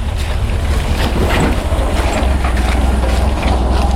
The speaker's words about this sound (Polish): Nasz kierowca jest odważny. Trzykołowym motorkiem, który sam z siebie jest bardzo wywrotny. On tutaj zjeżdża w taki wąwóz, a ten trakt, którym zjeżdża, to nie można tego za bardzo nazwać drogą